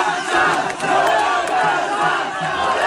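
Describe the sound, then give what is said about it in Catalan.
A dense, loud crowd of protesters shouts continuously during a tense clash with Spanish police at a rally at the Plaça de les Voltes, as officers block many participants from entering les Voltes, voices overlapping into a steady roar with a few sharper yells cutting through. “I el que escoltau són els moments de tensió que s'han viscut entre els manifestants i la policia espanyola quan els agents s'han impedit accedir a les Voltes a bona part dels participants per criteris de seguretat.”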